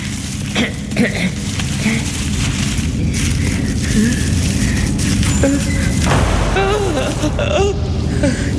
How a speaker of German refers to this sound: Nur die Tür. Es war nur die Tür.